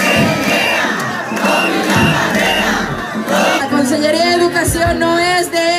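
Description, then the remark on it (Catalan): A teachers' protest crowd of about 25,000 people marching through the streets of Valencia to the Conselleria d'Educació, during an indefinite strike, chants and shouts in unison: a dense wall of many voices rising and falling loudly and continuously, with individual cries and whistles cutting through the roar. “25.000 persones van marxar pels carrers de València fins a la Conselleria d'Educació”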